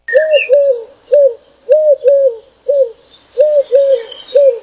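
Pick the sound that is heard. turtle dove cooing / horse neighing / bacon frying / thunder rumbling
turtle dove cooing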